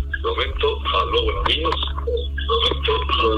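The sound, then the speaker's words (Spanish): A radio broadcast plays in the background of a phone call, its voices coming through thin and muffled over a steady low hum, continuous and moderately loud throughout. “Sí, si podrías bajar del volumen ahí a la emisora para escucharte mejor, mi amigo.”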